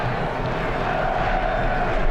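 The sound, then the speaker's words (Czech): A stadium crowd of home fans at a United States national team football match chants "USA, USA", the voices merging into a steady, dense roar that holds at an even loudness for the whole stretch, with no single voice standing out. “Slyšíte pokřik domácích fanoušků?”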